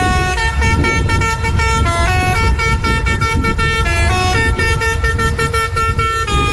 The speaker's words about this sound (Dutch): legden toen 4 dagen lang het werk neer omdat ze een speciale klakson van hun brandweerwagen niet meer mochten gebruiken van de leiding. Ze waren zo boos dat ze de brandweerpost dichtgooiden. NH Nieuws ontdekte dat het om deze toeter ging.